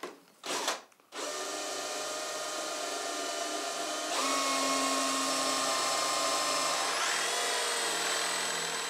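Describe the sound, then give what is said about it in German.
A power drill whirs in short bursts, then runs continuously, its pitch shifting as Jonas Buchholz bores into the smooth surface of a surfboard before the final sanding, to fit a vent valve. No one speaks. “Vor dem letzten Schliff bohrt Jonas Buchholz die glatte Oberfläche nochmal auf.”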